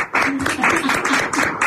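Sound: hand clapping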